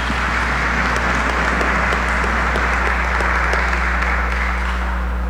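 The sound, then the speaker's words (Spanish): An audience applauds steadily for a birthday, a dense, continuous wash of many hands clapping at once for about five seconds, with a low steady hum underneath and no voices. “Le damos un aplauso grande y muchas felicitaciones.”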